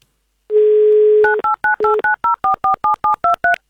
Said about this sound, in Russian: Традиционно мы ждем гимн, и мы его не получили. Представляете, да, как случилось? Мы услышали гудок вместо гимна, а так хотелось услышать именно красивый и замечательный гимн авторадио.